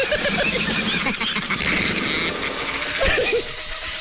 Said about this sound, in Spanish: La avispa.